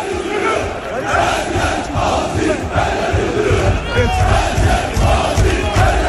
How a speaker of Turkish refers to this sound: her yer Aziz, her yer Yıldırım tezahüratlarına eşlik ediyordu bu şekilde.